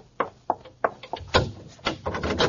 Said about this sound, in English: You lady, open the door.